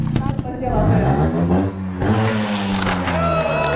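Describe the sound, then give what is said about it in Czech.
A motorcycle engine revs loudly, its pitch climbing and falling in bursts across a few seconds, with a crowd's murmur mixed underneath, as a rider does a stunt jump over a woman from the crowd and two boys lying on a mat, at a castle's reopening event. “Jedna paní z davu se dobrovolně přihlásila, aby jí řidič mohl přeskočit.”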